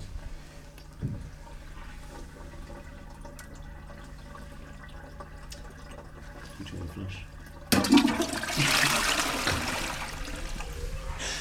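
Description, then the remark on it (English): A toilet flushes, a sudden loud rush of water that kicks in after several seconds of quiet room sound and keeps churning to the end. “you are going to manifest this, I think, by flushing it.”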